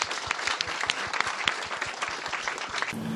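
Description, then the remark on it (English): A crowd applauds steadily, many hands clapping in a dense, continuous patter that stays fairly loud throughout, with no voices standing out. The applause is for Dr. Eddie Glaude at the Politics and Prose Bookstore, at an event for his new book, We Are the Leaders We Have Been Looking For. “Everybody, please give Dr. Eddie Glaude a round of applause.”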